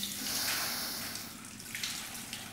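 A steady stream of water pours and splashes continuously, a broad hissing rush with slight fluctuations, heard alone without any talking.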